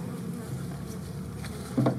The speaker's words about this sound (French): Le son des abeilles domestiques, c'est un champ de recherche à part entière.